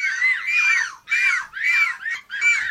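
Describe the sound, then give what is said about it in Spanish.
Loud, harsh gull-like squawks repeat in four or five quick bursts, strident with rising-falling cries, apparently voices imitating seagull calls rather than real birds. “Son gaviotas o niños encerrados en un parque.”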